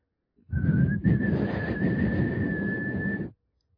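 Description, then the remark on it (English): A man whistles the letter S as one long, steady note for about three seconds, fairly loud, with a breathy hiss underneath and a slight upward slide at the start. No one speaks. “And the man will make a whistle sound.”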